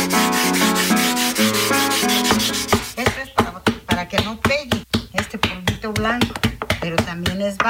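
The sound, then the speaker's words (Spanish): Steady tonal music plays first, then a small stone is rubbed back and forth across a surface wetted with water, smoothing its outside in quick, regular, scratchy strokes, a fairly loud gritty rasp repeating several times per second. “Esta piedrita tiene uno que alisar por fuera.”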